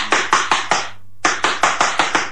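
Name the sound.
knocking on a door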